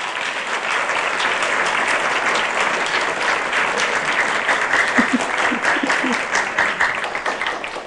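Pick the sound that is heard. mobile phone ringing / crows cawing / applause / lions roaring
applause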